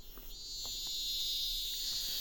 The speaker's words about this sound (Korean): 아유, 어릴 때도 매미가 그렇게 울더니만.